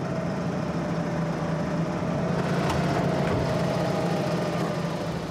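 A tractor engine runs steadily, a constant low mechanical drone with a faint rattling texture that holds for several seconds without a break, as the tractor is readied for a first driving exercise during a training session.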